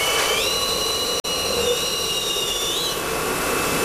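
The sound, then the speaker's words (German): A loud, steady rush of blown air with high whining tones that rise and hold, briefly cutting out for an instant, then continuing with a shifting whistle near the end, from an air-jet cup dryer built by students in Ulm drying a washed cup, first with an outer nozzle, then an inner nozzle drying the inside. No one speaks. “Jeder gespülte Becher wird zuerst von der Außendüse getrocknet, anschließend schlürft die Innendüse das Becherinnere trocken.”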